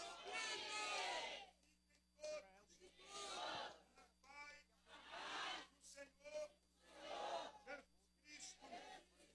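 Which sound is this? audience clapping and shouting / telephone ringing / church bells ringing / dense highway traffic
audience clapping and shouting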